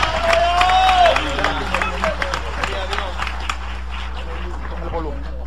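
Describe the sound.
An audience applauds steadily in praise to God, dense overlapping claps forming a loud, continuous patter with voices and cheering mixed in, plus a brief high whistle-like sound early on.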